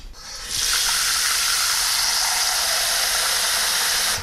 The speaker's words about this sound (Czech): Začneme tedy houbami. Čili já dám teďko do hrnce trochu vody.